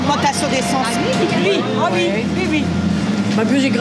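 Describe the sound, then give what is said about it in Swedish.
Busy bus stop ambience at the bus stop next to Dunkerque's central station, with several people chattering over a steady low rumble of road traffic. The sound stays loud and continuous throughout. “Ett livligt samtal startar här vid busshållplatsen intill Dunkerques centralstation.”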